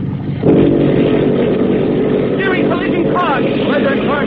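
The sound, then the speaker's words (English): Motor torpedo boat engines, mufflers opened, burst into a loud, steady roar after a brief quiet moment, powering up hard as the boat accelerates suddenly through the water; a voice speaks faintly beneath the engine noise toward the end. “Now the prep Joe opens up and leaps through the water like a scared minnow.”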